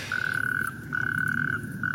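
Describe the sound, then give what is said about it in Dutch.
Natterjack toads calling in long, loud rattling trills, three sustained bursts in quick succession, with a low rumbling background and no talking, in a wadi (rainwater basin) in the neighbourhood, well filled by the past days' rainfall, heard behind a house during an evening walk. “Nee, het blijken rugstreeppadden in de wadi, in de buurt, die door de regenval van de afgelopen dagen flink gevuld is en dus kikkers en padden heeft aangetrokken.”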